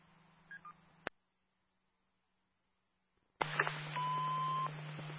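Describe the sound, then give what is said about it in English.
Telephone keypad tones over a faint line hum: two quick beeps, a sudden cut to silence, then the line returns louder with a longer steady tone. No one speaks. “I said I had a phone call.”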